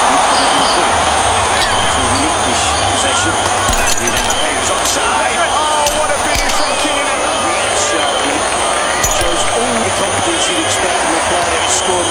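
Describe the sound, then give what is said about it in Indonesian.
A dense, steady roar of a large crowd at an evening public viewing of a big match, with overlapping shouts, babble and scattered clapping filling the whole stretch, loud and continuous. “Pertandingan besar dimulai, suara-sorak tepuk tangan dan teriakan menyatu dalam suasana nonton bareng.”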